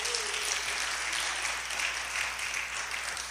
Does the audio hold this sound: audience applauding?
yes